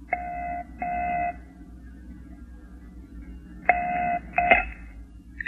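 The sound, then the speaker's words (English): Touch-tone beeps of a phone number being dialed at about 11 o'clock: two steady tones, a pause of a couple of seconds, then a quicker cluster of shorter tones, over a low background hum. “Then, about 11 o'clock, he decided to call me as he'd promised.”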